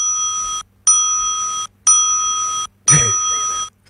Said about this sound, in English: 4 bells.